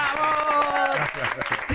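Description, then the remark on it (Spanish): A studio audience claps steadily in a dense, continuous burst of applause for game-show presenter Juan Rabonet of Telecinco's Allá tú, with a bright musical tone ringing over it and voices cheering in the mix. “¡Un fuerte aplauso!”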